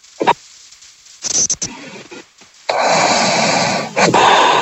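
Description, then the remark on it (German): Over a thin telephone line, a radio phone-in caller who seems to have fallen asleep gives a few short rough puffs, then a long, loud, raspy rush of breath like heavy breathing or snoring, with no one talking. “Hat die gerade geschnarcht?”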